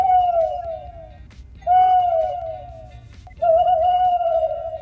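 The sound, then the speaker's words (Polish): Three long, drawn-out owl-like hoots, each gently falling in pitch, fairly loud, by a voice imitating an owl character introducing itself, with short pauses between them. “Pięknie przedstawiła się nam tutaj nasza gościni. Sowa Zofia, bohaterka jednej z publikacji”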